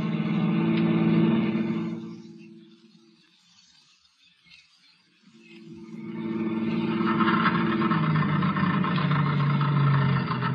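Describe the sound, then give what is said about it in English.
A car engine runs with a steady low rumble as the car runs out of gas, dies away into near silence for a few seconds, then rumbles back up again to full strength, fairly loud, with no talking. “Well, that's the end of the gas.”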